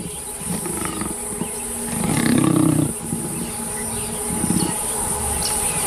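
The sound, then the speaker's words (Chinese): Lions snarl and roar while attacking and killing a leopard in the wild, seen on a wildlife-viewing trip, with a loud growling burst midway and a shorter one after, over a steady high insect drone. “有时候大自然的生存法则会让人感到难以接受，狮子可能会杀死花豹，却并不会吃它。”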